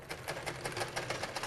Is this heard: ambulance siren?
no